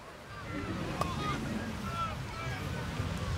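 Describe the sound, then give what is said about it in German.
Beach ambience at Timmendorfer Strand on a sunny day: a steady, even rush of wind and breaking waves fills the whole stretch without pause, with faint indistinct voices and a few soft thumps mixed into the wash. “Ich bin heute an den Timmendorfer Strand gefahren”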